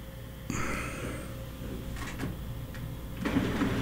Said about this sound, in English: There we go. Got the printer moving now, at least.